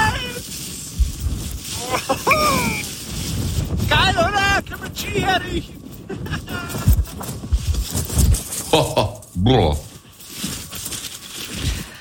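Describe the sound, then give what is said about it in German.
Strong gusty wind roars and buffets the microphone in low rumbling bursts up on the Arber mountain near Rinchnach by Regen, during the first snow of the season, while muffled voices come and go faintly beneath it. “Aber alleine, wenn ich diesen Wind schon höre, da könnte ich mir ja die Jacke anziehen.”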